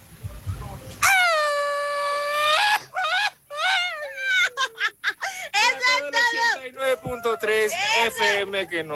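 A Mexican mariachi-style grito: one long, high held yell, then a run of warbling, rising-and-falling cries that sound almost like howling, loud throughout.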